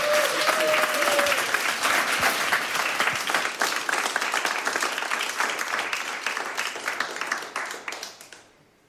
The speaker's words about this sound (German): Und jetzt wünsche ich mir aber nochmal einen richtigen Applaus